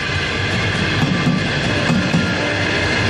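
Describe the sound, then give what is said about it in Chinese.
A train rushes past railway track maintenance workers, a loud, steady roar of wheels on rails with faint rhythmic clacking throughout, no voices present. “但是铁路安全大于天，每当列车在我们身边呼啸而过，乘客看到我们黄马甲会挥手致意，这是我们最激动的时刻”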